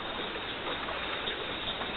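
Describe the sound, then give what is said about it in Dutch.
A steady, dense rush of flowing water fills the whole stretch, constant in loudness with no pauses or distinct splashes, like a stream or current. It is part of a record of Earth's geological sounds. “Eerst hoor je de aarde zelf, geologische geluiden, water, onweer.”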